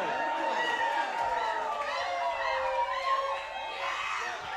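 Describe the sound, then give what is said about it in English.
A large crowd at a 2011 live music show screams and cheers continuously for more music, a dense wall of high-pitched shrieks and shouting that stays loud and sustained throughout. “You might have to let them go to the bathroom real quick or something, but then keep screaming, though.”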